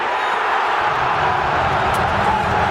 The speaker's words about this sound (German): Was aber immer bleibt, ist der Jubel.